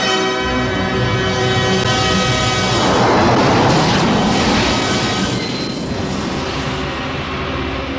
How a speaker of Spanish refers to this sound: El destello multicolor que flota en el espacio exterior se aleja y desaparece de la vista mientras ocurre una explosión.